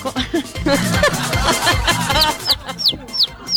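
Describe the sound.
A person imitates a hen with a quick series of throaty clucks, followed by several short, high-pitched squeaky peeps, all loud, with no other voices.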